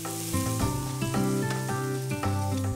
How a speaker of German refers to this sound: Dafür werden erstmal Zwiebeln angeschwitzt.